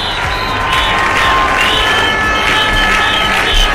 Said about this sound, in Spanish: Gritos como Ceuta no se vende, Ceuta es España y alusiones directas a Pedro Sánchez han recorrido la manifestación